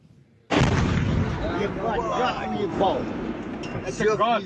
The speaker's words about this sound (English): Ukrainian drones have hit targets deep in central Russia. This is the moment a residential building was hit in a town in Tatarstan.